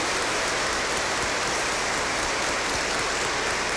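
Steady, dense clapping from a crowd, a continuous crackle of many hands that holds at an even level for the whole few seconds, with no voices over it.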